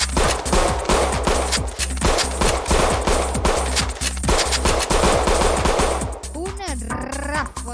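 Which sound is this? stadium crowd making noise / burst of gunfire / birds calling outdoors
burst of gunfire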